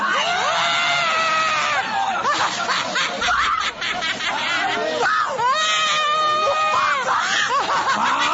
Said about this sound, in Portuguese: Se vocês escutarem gritos por aí, não se desespere, porque é Jesus libertando essas pessoas. Olha aí, já gritou lá, grita para Jesus queimar ele.